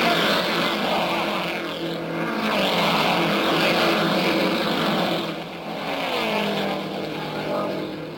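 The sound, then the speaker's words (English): Loud, continuous roar of big racing cars sweeping past on a track toward the turn, led by Dick Rathman in gray car number 97, with Bill Cheeseburg's gray Novi number 54 last, with swelling and fading waves of sound and rising pitch sweeps as each car passes. “And there they go, those buffeting, bouncing big cars of the racing world.”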